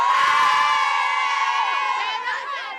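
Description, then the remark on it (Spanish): A large crowd of young people, children and adults gathered for the Pope's visit cheers and shouts continuously, a dense wall of high-pitched voices and whoops that stays loud throughout, fading only slightly toward the end. “Bueno, pues ya veis que el griterío y la euforia son continuos.”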